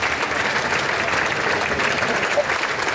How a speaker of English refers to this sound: Now applause echoes as he leaves and heads towards Buckingham Palace.